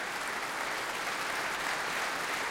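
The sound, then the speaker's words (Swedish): Steady, dense applause from a concert audience as the soloist comes back onto the stage and turns to the orchestra, applauding them too; many hands clapping at once in a continuous crackling wash with no pauses, fairly loud and unbroken throughout. “Hon vänder sig om mot orkestern och applåderar dem också.”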